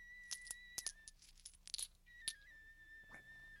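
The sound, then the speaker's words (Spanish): Coins and jewels clink together in a quick series of bright metallic jingles, several sharp taps with a faint lingering ring, then a last softer clink. “Pero antes de irte, déjame darte estas joyas y estas monedas.”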